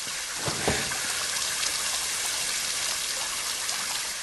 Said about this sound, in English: A pipe sprays water, damaged from a spell.